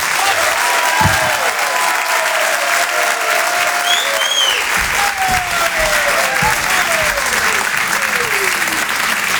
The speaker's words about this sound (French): Je vous demande un tonnerre d'applaudissements s'il vous plaît pour David Azencott.